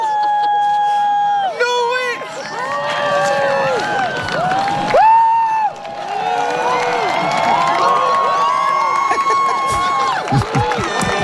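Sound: crowd cheering and applauding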